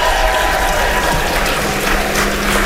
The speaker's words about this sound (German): Großer Applaus nochmal für Karl.